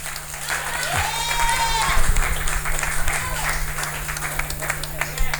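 An audience applauds steadily, dense overlapping clapping filling the whole stretch at a fairly even loudness, with a brief rising whistle near the start.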